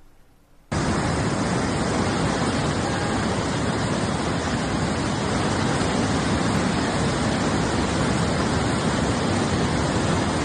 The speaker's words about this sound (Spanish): Y más al sur del continente, donde una crecida extraordinaria del río Iguazú transformó las cataratas entre Argentina y Brasil en un imponente torrente de agua.